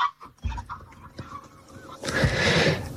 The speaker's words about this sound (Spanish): El cielo se llena de cientos de bandos en forma de V, que al sumarse al trompeteo emitido por otros cientos de grullas, forman un griterío ensordecedor.